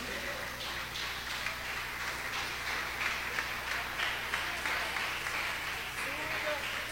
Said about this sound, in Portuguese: Pode se assentar e exaltar Jesus com as palmas, hein?